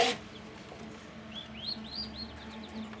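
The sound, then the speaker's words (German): Newly hatched turkey chicks of a new crossbreed called robust turkeys, hatched after 28 days in an incubator in Lower Saxony, peep in a rapid flurry of short, high, rising-and-falling cheeps that overlap after a brief pause, over a low steady hum. “Nach 28 Tagen im Brüter sind die Küken geschlüpft.”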